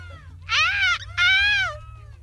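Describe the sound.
A person imitates a seagull's cry at a European seagull-cry championship, with two loud, shrill, wailing calls, each about half a second long with a short pause between, alone over a faint low hum.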